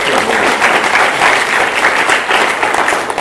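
Sustained applause from an audience, a dense, steady wash of many hands clapping at a loud, even level throughout, with no voices standing out.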